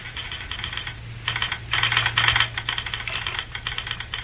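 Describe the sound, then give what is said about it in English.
A railroad telegraph key at Morristown clicks in rapid, uneven bursts of sharp mechanical taps as the operator clears the line for a fruit train, pausing briefly between runs, over a steady low hum, with no one speaking. “Bill Reed is busy with the telegraph key and phone, clearing the line so that the hot shot will have a straight run.”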